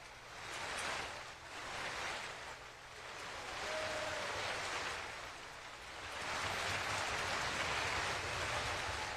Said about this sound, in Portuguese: Público de pé, aplaudindo a performance da escola Bárbara Galante e também da Orquestra de Minas Gerais, sob a regência do maestro Fábio Mechetti.